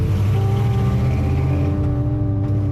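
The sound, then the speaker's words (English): A car engine revs loudly, its deep harmonic rumble shifting in pitch before the vehicle pulls away, the engine noise continuous throughout with no voices. “That's Jody revving his engine, and he drives off.”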